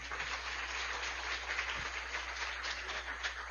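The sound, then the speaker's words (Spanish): Steady audience applause for the missionaries at a Holy Mass, a dense crackle of many hands clapping at once, sustained and fairly even in loudness throughout with a low hum underneath. “Un aplauso también a los misioneros.”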